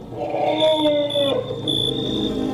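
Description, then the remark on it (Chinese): A herd of several dozen elephants, approaching from afar after migrating from the desert southwest of the delta, calls in overlapping, wavering tones that slide downward in pitch over a steady rumble, with a thin sustained high whine running throughout. “远处走来一群大象”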